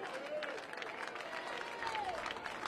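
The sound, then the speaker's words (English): A baseball stadium crowd at an East Carolina game cheers behind pitcher Clabber as he pitches to Lenahan, a steady, dense roar of many voices and clapping, with a few rising and falling shouts or whistles cutting through. No one speaks over it. “He can feel the crowd right now behind him.”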